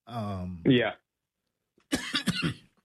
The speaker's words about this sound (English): Forgive me for coughing a little bit there.